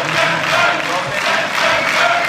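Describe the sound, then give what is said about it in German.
Members of the AfD camp in a parliament stand up, clapping and cheering, their voices roaring loudly and steadily and merging into a rhythmic chant of 'Send them back' that swells in regular pulses, like a battle cry shouted in unison. “Unsere YouTube-Zuschauer sehen das und hören auch den Schlachtruf.”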